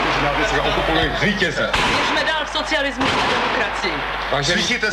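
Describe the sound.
Gunfire crackles in an old, hum-laden recording, with a couple of sharp bangs cutting through steady, excited talking that runs the whole time, the shots sounding somewhat distant.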